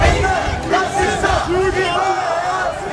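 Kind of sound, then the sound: crowd, demonstrators shouting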